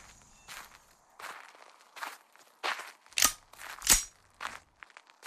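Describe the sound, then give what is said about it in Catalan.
Footsteps crunch across dry ground, around eight gritty steps at a slow, steady pace, with two noticeably heavier footfalls near the middle before the steps soften again: a man advancing, gun in hand, through an old tool storehouse beside the main workshop of a rustic farm in Sant Mateu d'Albarca, Ibiza, at noon. “En Llop avança amb l'arma a la mà per l'interior d'un vell magatzem d'eines annexa al taller principal.”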